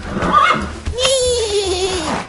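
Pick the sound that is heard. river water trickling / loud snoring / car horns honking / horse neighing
horse neighing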